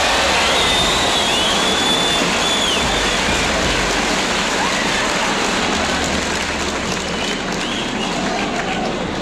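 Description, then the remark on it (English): An audience applauds loudly and continuously as the band's musicians are introduced, a dense, crackling wash of many hands clapping that holds steady for about nine seconds with no one speaking. “If you didn't hear that in the applause, … on the other alto.”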